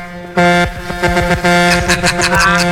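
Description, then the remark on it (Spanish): A truck's air horn, sounded by a caller from New Jersey in his truck during a radio call-in, bursts in and holds one loud, steady, low-pitched blast for over two seconds, with a quick rhythmic clatter pulsing underneath. “Tócame la bocina otra vez.”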